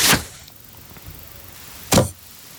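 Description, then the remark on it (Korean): An arrow is loosed from a bow, aimed at the neck of Ratus: a sharp whoosh, then after a brief quiet pause a second loud swishing burst, with no voices. “그러고는 라투스의 목 부분을 조준하고 화살을 날렸다.”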